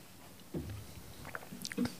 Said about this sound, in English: I'm just going to take a drink of water.